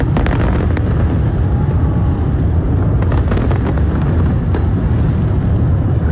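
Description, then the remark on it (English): A loud, continuous barrage of fireworks at the New York fireworks show launched from the Brooklyn Bridge and broadcast by NBC, deep rumbling booms overlapping with sharp cracks and pops that burst repeatedly throughout, with no pause in the noise. “The flames broke out on the Brooklyn Bridge during the fireworks show.”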